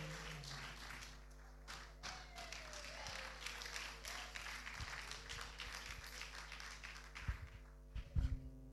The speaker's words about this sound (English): Wow, continue clapping, continue clapping, continue.